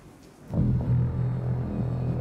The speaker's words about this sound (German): Ohne Luft kein Wetter und manchmal zeigt sie uns, welche gewaltige Kraft in ihr steckt. Wenn der Himmel sich verdunkelt, das Gewitter aufzieht und ein Tornado entsteht.